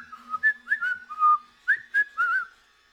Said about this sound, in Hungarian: Milyen békésen fütyül? Túl békésen. Gyanús. Ez csak el akarja hitetni magáról, hogy nem ijesztget.